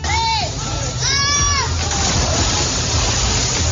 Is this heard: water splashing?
yes